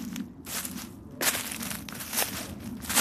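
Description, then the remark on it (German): Footsteps walking through the forest in the Lorzendobel, Canton of Zug, Switzerland, a steady series of crunching, rustling steps on dry ground and leaves, moderately loud, with no voices. “geht voraus durch den Wald im Lorzendobel, bis er vor einer besonderen Gruppe von Bäumen stehen bleibt, vor Traubeneichen.”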